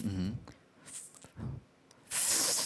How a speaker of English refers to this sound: I'm just slurping. But the principle itself is right. Yeah, the way you do it is right.